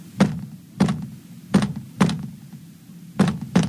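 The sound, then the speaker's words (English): Six dull, hollow knocks on a wall of a house, moderately loud, falling roughly in pairs with an uneven rhythm and a longer pause before the last two. No one speaks. “I better knock back.”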